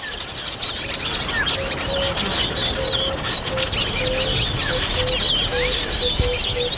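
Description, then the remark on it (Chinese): A dense chorus of brightly coloured African weaver birds, gathered together while tending their chicks, chirping with many overlapping short, high twittering calls and squeaky notes forming a steady, busy wash of birdsong with no voices. “非洲的知巢鸟几乎用上了所有招数，想尽办法呵护雏鸟。”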